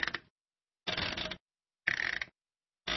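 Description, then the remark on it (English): The settings dial on a household washing machine is turned in short bursts of ratcheting clicks, four quick turns with brief silences between them, fairly quiet; a raw recording by a band for an album made from washing machine sounds. “This is the washing machine's settings knob.”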